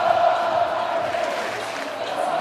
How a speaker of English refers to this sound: Listen to that crowd.